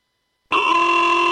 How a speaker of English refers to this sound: Why do I hear honking? What's the celebration?